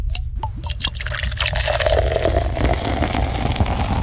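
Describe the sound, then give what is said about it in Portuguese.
Sparkling water pours steadily into a glass for a few seconds, a continuous splashing stream with a faint fizzy crackle and a pitch that rises as the glass fills; the sparkling water looks yellowish. “Senhora, aguinha com gás. Essa aguinha com gás aqui tá amarelinha, hein?”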